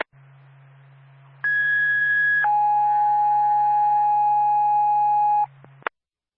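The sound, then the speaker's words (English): Two-tone fire department dispatch paging, second tones for a small brush or grass fire call on Tinkerville Road: a loud, steady higher tone for about a second jumps to a longer, lower tone lasting three seconds, over a constant low radio hum, ending with a click. “Twin State Landau Fire Department, second tones for 306 Tinkerville Road, west of Ogontz Road.”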